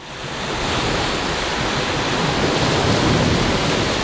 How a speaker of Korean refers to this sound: 아 좋다. 소리 좋아. 여름에는 바다지. 파도 소리를 들으며 백사장을 걷는데